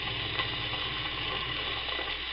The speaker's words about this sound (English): When the big fireman got there, he said, "Ho, ho, what a big roaring fire. Fire, fire, fire, raging all about.